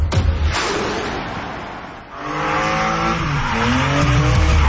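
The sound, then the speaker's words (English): Loud NASCAR Canada race car engines roar past on the stadium circuit at Calabogie Motorsports Park, with a brief tire skid early on, then a sustained high engine whine rising and falling in pitch as the cars accelerate, no voices present. “NASCAR Canada takes over Calabogie Motorsports Park July 18th and 19th. Experience wall-to-wall racing, high-speed action, and non-stop excitement on their stadium circuit.”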